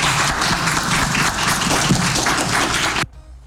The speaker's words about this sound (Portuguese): E eu fui um dos jornalistas que aplaudiram em pé o Bubista ali, que puxaram esses aplausos no final. Começa meio tímido depois.